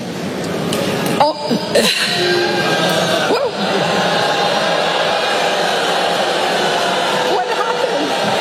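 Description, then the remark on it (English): A large audience of college students boos a speaker after she says artificial intelligence is the next industrial revolution. The booing is loud and steady, a dense wash of low voices that holds for several seconds with scattered shouts and a few sharp peaks rising out of the din. “Yes, well, they're all booing her because they just spent 4 years of their lives learning something in college that they're getting replaced with.”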